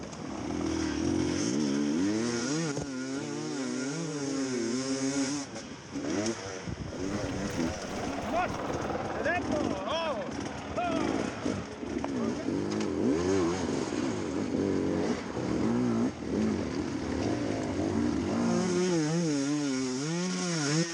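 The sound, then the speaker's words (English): A motorcycle engine revs hard and continuously, its pitch swooping up and down in rising and falling wails, with loud buzzing harmonics throughout the whole stretch. “Is there a bike caught fire?”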